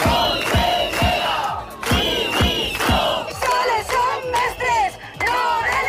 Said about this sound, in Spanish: Estos son los gritos de los docentes que secundaban las protestas desde el exterior. La policía ha tratado de desalojarlos.